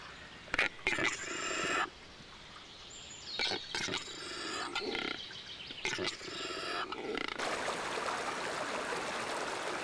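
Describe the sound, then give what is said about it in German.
Several bursts of clicking, popping and gurgling calls from a male capercaillie performing its courtship display in the Harz mountains come in uneven phrases, then give way to the steady rush of a spring stream flowing over small waterfalls. “Das Balzritual des Auerhahns gehört zu den beeindruckendsten der heimischen Vogelwelt.”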